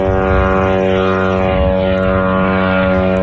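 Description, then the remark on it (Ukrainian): A steady, droning propeller engine buzzes loudly overhead, its evenly stacked harmonic whine holding constant throughout with no voices present, like a small attack drone passing, during a daytime drone attack on Kstovo, Nizhny Novgorod region, Russia. “У російському КСТОВО, це Нижньогородська область, посеред дня лунали потужні вибухи, а місцеві скаржились на атаку дронів.”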